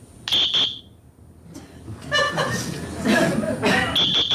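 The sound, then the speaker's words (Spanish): A shrill, steady electronic tone from a shaver-shaped electronic referee whistle, made for use through a whole match, sounds in two quick blasts, then returns at the end, with laughter and chatter filling the gap between. “Ah, bueno, pasa que por la cámara el sonido no acaba de ser el parecido al silbato humano.”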